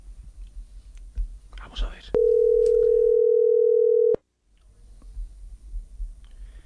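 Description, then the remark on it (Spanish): A loud, steady telephone dial tone hums at one even pitch for about two seconds as a call is dialed again, then cuts off abruptly, with soft rustling and murmuring before it and a low background hiss after. “Marquemos otra vez.”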